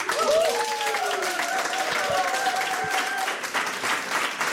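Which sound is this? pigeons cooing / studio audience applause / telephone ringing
studio audience applause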